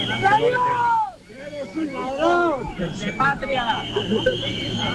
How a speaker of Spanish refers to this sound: Y abucheos desde la gente que está allí esperando a que comience el desfile,